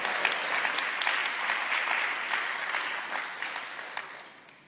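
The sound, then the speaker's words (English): A church audience claps their hands together after a sermon to praise the Lord, dense, sustained applause, the many overlapping claps staying loud before gradually tapering off toward the end. “Well, clap your hands and say, praise the Lord.”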